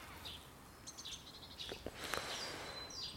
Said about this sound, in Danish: Fuglene synger. Det er forår. Næsten. Der er en skade, der sidder langt op i det træ.